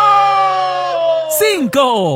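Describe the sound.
A single loud, sustained shout, holding a steady pitch before sliding down, breaking briefly, then rising again at the end.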